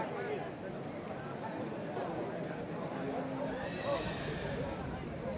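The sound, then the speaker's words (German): A foal whinnies with a thin, high neigh amid a busy outdoor bustle of hoof clopping and murmuring voices, as two foals are about to be collected, the calls rising briefly above a steady, noisy background. “Jetzt müssen sie aber noch ihre 2 Fohlen abholen.”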